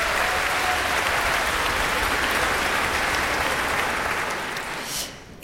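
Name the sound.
audience applause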